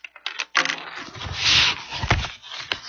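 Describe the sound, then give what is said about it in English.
Slates and slate pencils being moved out of the way, a run of hard clattering knocks mixed with a sustained scraping rub, then a few sharper clicks, with no voices. “Let me move these slates and slate pencils out of the way so we can play dolls.”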